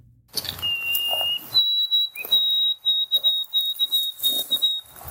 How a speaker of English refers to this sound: So for those who aren't familiar with it, let's play the original song of the white-throated sparrow.